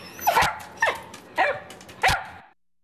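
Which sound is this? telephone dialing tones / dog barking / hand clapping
dog barking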